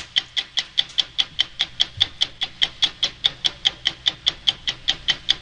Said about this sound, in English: The telltale ticking of 60 Minutes.